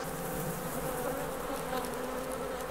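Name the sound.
honeybees buzzing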